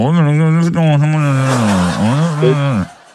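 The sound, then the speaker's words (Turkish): A voice imitates a distorted, garbled phone line for about three seconds: a loud, continuous warbling hum that wavers up and down in pitch, rasping like a revving engine, then cuts off. “Buğra sesin şöyle geliyordu.”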